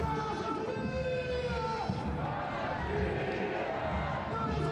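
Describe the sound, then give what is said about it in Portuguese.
A dense crowd of Casa Pia football fans in Rio Maior chants and shouts "Casa Pia, Casa Pia" in unison, urged on by the club's announcer, a steady, loud roar of many voices with sustained tones rising above the mass for nearly five seconds. “Vai tentando animar os adeptos e estes respondem gritando Casa Pia, Casa Pia.”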